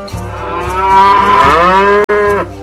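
A cow lets out one long, loud moo, a drawn-out bellow that rises and holds for over two seconds, briefly cutting out just before it trails off.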